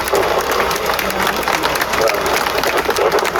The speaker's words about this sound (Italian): Facciamo un applauso.